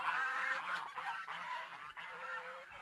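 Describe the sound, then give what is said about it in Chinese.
A flock of geese honks continuously, overlapping calls forming a loud, busy chorus with no pauses; the geese are kept on a farm below a large old tree. “就是树网啊，哦，这个就是树网，哦，这个鹅就在下边啊，这个树网也是很出名的，”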